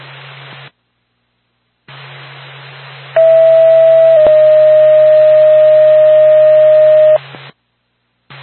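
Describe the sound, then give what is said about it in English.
A loud radio dispatch paging alert over static, paging Lancaster Ambulance: one steady tone for about a second, then a second tone held for roughly three seconds, framed by brief squelch bursts and hiss. “Lancaster Ambulance, standby for tone.”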